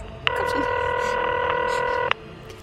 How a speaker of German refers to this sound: Mein Blick fiel auf das Telefon. Ich griff nach dem Hörer und wählte.